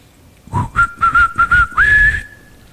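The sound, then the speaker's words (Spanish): A loud, tinny loudspeaker jingle from a bottled-water company's delivery truck: a quick run of whistle-like notes mostly on one pitch, ending on a higher held note, with no talking. “Y estos ingratos de las embotelladoras de agua te mandan un sonido.”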